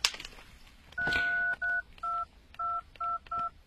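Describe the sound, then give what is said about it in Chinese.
A phone keypad beeps through a quick run of button tones: one longer tone, then five short, evenly spaced beeps, clear and close with no talking. “你有她的电话吗？ 啊，我看一下啊。”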